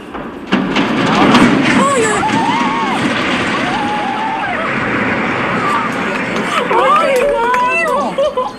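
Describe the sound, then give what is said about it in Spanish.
Long, wavering metallic squeals and groans rise and fall as the huge riveted iron girders of the San Miguel de Arcos bridge bend during its demolition, over a steady rumbling roar as it falls into the river, with astonished local residents murmuring and calling out throughout. “Son los chirridos que hacen al doblarse las enormes vigas de hierro, el estruendo del puente de San Miguel de Arcos al caer al río y el asombro de los vecinos.”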